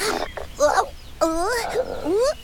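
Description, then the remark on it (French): A voice imitates the growling stomach of a hungry June bug: a few gurgling, whiny groans that rise and bend in pitch, loud, in short bursts with brief gaps between them. “Ça gargouille dans le fond de mon abdomen.”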